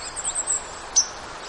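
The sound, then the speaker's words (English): White-throated sparrow pink call notes, a few faint, sharp, high metallic chips with one clearer note near the end, over a steady outdoor hiss, recorded not far from 61 and Lake Superior. No voices. “The sounds that you're hearing, little pink, pink, pink, most of that is white-throated sparrow.”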